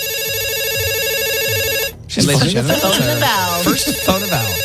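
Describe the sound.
A telephone rings with a steady, repeating electronic tone for about two seconds, then stops abruptly as people begin talking.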